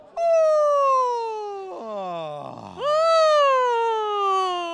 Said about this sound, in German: Am besten, wie nach dem Aufstehen, erstmal lauthals gähnen. Kann ich gut. Einen Ton von ganz oben nehmen und dann runter damit.